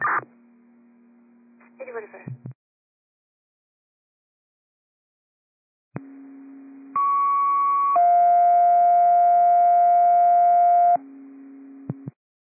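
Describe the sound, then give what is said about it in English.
Radio paging test tones for LaConner: a steady low tone with a short warble, a pause, then a sequence of loud, sustained pitched tones stepping through several frequencies over a few seconds before cutting off. “LaConner, this is test tones and a test tones only.”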